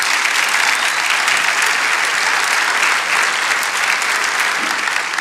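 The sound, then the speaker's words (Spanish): An audience applauds Jesus at a night service, loudly and steadily, a dense wash of many hands clapping at once that holds an even level throughout, with no voices standing out above it. “Dale ese aplauso a Jesús en esta noche.”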